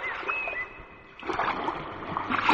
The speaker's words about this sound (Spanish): Para los que nos vayamos a Valladolid, nos quedamos en Coruña escuchando este sonido del mar